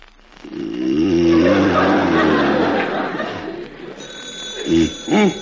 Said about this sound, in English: How do you shut this darn thing off? Where's the stopper? Put down the alarm clock. It's the phone. Oh, I knew it couldn't be the alarm because I just ducked out.